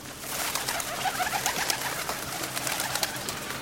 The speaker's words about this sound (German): In jedem Parkhaus, in jedem Bahnhofsgebäude, überall sind Vögel.